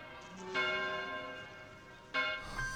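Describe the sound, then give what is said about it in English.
A large bell tolls twice, slow and heavy strikes about a second and a half apart, each leaving a rich, sustained ringing hum that lingers into the next. No voices are heard. “Okay, who's getting married?”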